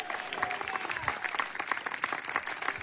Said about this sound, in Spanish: Dele fuerte ese aplauso, así es para Cristo.